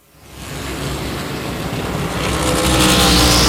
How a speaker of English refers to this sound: Welcome you back to Richmond Raceway under the lights on a Saturday night, short track racing NASCAR Cup Series style.